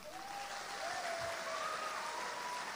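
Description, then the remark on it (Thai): Steady, sustained applause from a sizable audience welcoming guest Anucha Prathan fills the whole stretch, a dense wash of clapping with no talking over it. “เราขอเสียงปรบมือต้อนรับพี่อนุชาประธานครับ”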